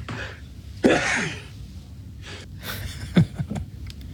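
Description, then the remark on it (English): A string of sharp sneezes, four in a few seconds, each preceded by a gasping inhale. The first burst is the loudest and the later ones come quicker together. “Oh my goodness, that's a quadruple that sneeze there, Father.”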